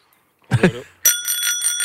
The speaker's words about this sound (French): C'était juste pour vous montrer qu'on a de magnifiques petites sonnettes ici à vous offrir. On en a offert quelques-unes sur le parcours.